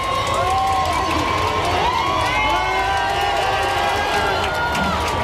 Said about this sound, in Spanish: finalmente en el fondo de la calle Goya aparecía ese papamóvil blanco con el papa a bordo y toda la calle Goya ha saltado en un grito de explosión. Escuchamos, mira, este momento, cómo ha sido.